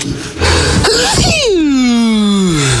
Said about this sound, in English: We've captured …'s sneeze.